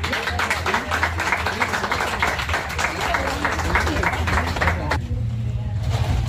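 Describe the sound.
A crowd applauds a contestant representing the barrio of La Conquista in a contest during the patronal festivities in the state of Campeche, Mexico, with dense, sustained clapping mixed with murmuring voices, loud, for about five seconds before the clapping suddenly falls away to a quieter background hum.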